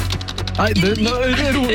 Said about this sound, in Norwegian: Så nå er det bare... Kjappa, hør på tastaturet mitt. Nå er det bare...